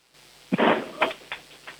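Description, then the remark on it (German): A 10-year-old in Vienna slams a heavy front entrance door shut with a loud bang and a brief rattle, followed by a few smaller knocks as it settles. No one speaks. “So, und dann hätte ich jetzt gerne, dass du mal eine Tür nimmst und sie so richtig zuknallst, dass wir sie hören.”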